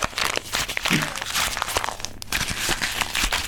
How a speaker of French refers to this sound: Alors j'y vais. Je froisse le papier en boule, comme une boule de neige.